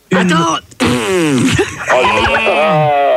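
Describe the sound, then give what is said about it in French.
A loud, drawn-out fart noise that wavers up and down in pitch for about three seconds, briefly breaking off near the start; it sounds like a voice imitating it. “Pète un coup, ça ira mieux.”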